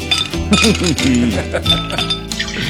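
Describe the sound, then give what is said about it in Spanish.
A voice mimics uncorking a barrel with bending, squeaky vocal tones and sharp clinking pops, fairly loud, lasting a few seconds without any spoken words. “Sonido onomatopéyico destapando una barrica.”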